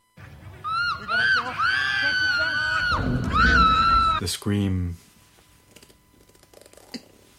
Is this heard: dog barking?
no